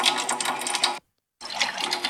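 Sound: water stream gushing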